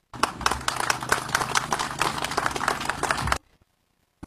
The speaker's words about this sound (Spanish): Un fuerte aplauso al ingeniero